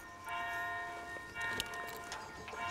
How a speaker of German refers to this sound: Pünktlich zum Glockenschlag geht es wieder los.